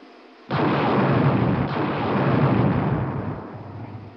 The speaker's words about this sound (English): Those small unmanned rocket ships you see leaving us will shortly be sending back television pictures as they fly near the surface, but we'll continue our view from orbit also.